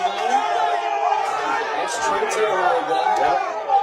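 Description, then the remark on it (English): An upset, rowdy football crowd on the Shamokin side of the field clamors with dense, overlapping voices, a steady loud roar of shouting and chatter that swells slightly in places and never lets up. “A ruckus crowd here on the Shamokin side. What are they upset about now?”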